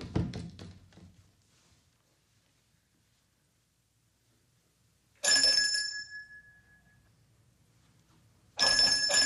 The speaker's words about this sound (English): Never saw any use ringing a bell when the door was open. If you are going to ring a bell, then somebody should answer it.